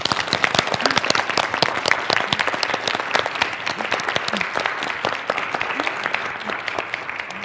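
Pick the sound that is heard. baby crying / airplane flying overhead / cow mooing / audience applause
audience applause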